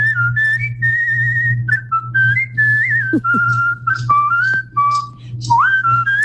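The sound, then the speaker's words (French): Someone whistles a bouncy pop tune, the melody stepping and sliding between notes in a steady, continuous line over a constant low background hum. “Oui, je vous parlais hier de cette mode depuis le mois dernier au Brésil, des groupes WhatsApp où on ne fait que siffler des mélodies connues, évaluées ensuite par les internautes.”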